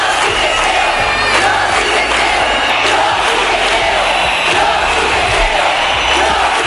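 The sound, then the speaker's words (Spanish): A large street protest crowd in Spain chants the slogan "Yo sí te creo" in unison over the La Manada group rape case, a dense, loud roar of many voices shouting rhythmically with steady, sustained energy throughout. “Al grito de "Yo sí te creo", la calle dejó claro que era el momento de iniciar un cambio en la forma en que todos percibíamos la violencia sexual.”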